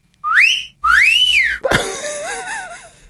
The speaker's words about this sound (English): Yeah, or wolf whistling in a cinema. Just general disturbance at the cinema. Is that ever okay?